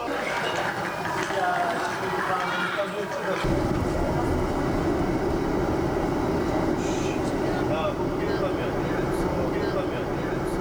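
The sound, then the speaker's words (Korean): A continuous rumble of a night train carrying history expedition members along the rails, growing heavier and louder after a few seconds, with faint indistinct voices mixed into the steady noise. “고구려 역사의 숨결이 느껴지는 장소에서 밤기차를 타고 이동한 대원들.”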